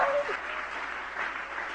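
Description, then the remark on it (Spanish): Sustained applause from an audience applauding God, a steady wash of many hands clapping at an even, fairly strong level with no voices standing out. “Dele un aplauso a Él en esta hora.”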